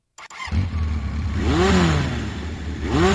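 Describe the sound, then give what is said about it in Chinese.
An engine starts with a brief clatter, then settles into a loud, steady rumble before revving up twice, its pitch rising sharply in a rising whine with each push of acceleration. “我喜欢它启动时强烈的推背感。我喜欢飞驰时耳边回响的风声。”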